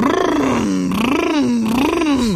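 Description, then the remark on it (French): A voice imitates the revving engine rumble of a Lamborghini Urus SUV, a loud, continuous growling hum whose pitch rises and falls in slow waves for a couple of seconds, with no other sound around it. “Tu reconnais le doux grondement du Lamborghini Urus.”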